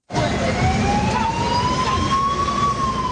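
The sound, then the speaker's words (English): A UN escort vehicle's siren wails steadily as it clears the way for a bus of migrants deported from the United States in the Central African Republic, its pitch climbing slowly and then leveling off, loud over a constant rumble of engine and road noise. “A UN escort vehicle clears the way in Central African Republic for a bus of migrants deported from the United States.”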